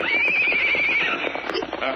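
A horse lets out a loud, wavering whinny lasting about a second, with hooves clip-clopping steadily underneath and continuing after the neigh fades.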